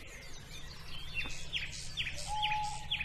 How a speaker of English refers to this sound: I do know that's an owl.